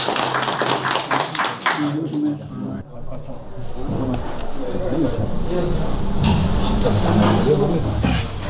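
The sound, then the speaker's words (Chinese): A group at an expert meeting on excavation and protection breaks into steady applause, many hands clapping in a dense, continuous patter that swells and holds for several seconds, with voices murmuring underneath at the start. “可以，咱们就鼓掌吧。”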